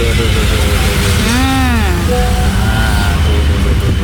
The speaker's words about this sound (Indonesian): Heritage dari PLN arah ke Lafayette, luar biasa ini kepadatannya, kendaraannya sampai menumpuk ke arah Semeru, Lafayette.